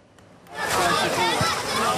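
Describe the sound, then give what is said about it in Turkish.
After a brief quiet start, a steady wash of splashing, sloshing water rises, mixed with indistinct crowd chatter: a crowded beach in Istanbul on a hot summer weekend, with people swimming and playing in the sea. “Sıcak havadan bunalan İstanbullular plajları doldurdu.”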